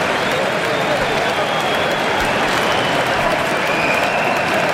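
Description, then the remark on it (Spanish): A large crowd at a Switzerland football match applauds steadily as a Swiss player, Embolo, leaves the pitch on a substitution: a dense, loud wash of clapping with no pauses and a faint murmur of voices mixed in. “Pues este aplauso es para él.”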